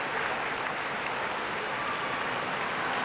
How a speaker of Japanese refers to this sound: 西の土俵で勝ち名乗りを受けます。大の里大きな歓声を受けます。6勝4敗、いやーすごい歓声です。